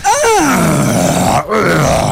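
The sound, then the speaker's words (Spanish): A person imitates the sound her husband, a man past his forties, makes when standing up: a long, low, strained vocal moan that dips in pitch, pauses briefly, then resumes as a second drawn-out groan, fairly loud with no other talk. “¿Cómo es que el sonido cuando se pone de pie?”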